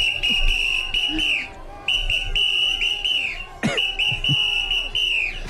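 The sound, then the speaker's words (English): A shrill whistle blows three long, steady blasts in quick succession, loud, over a noisy crowd of voices chanting on a picket line during a strike, with a few sharp knocks and bangs. “Oh, someone wanted a whistle? I got a whistle.”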